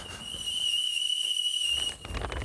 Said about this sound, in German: Oh, ich höre den Teekessel schon pfeifen.